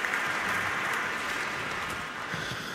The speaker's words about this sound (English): One day I'm going to insist that the applause from the Minnesota audience is going to go on a CD as well. Because it's really amazing.